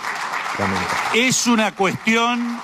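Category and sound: crowd, hand clapping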